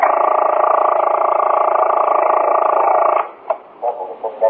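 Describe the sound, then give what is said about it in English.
A police precinct telephone switchboard hums with a loud, steady, reedy buzz for about three seconds, then breaks off into several short, uneven buzzes as patrolmen ring in from the precinct's 22 police call boxes. No one speaks. “Then, as the men reached their posts and began to ring in on the 22 police call boxes scattered throughout the precinct, the telephone switchboard manned by Sergeant Waters started to hum at intervals.”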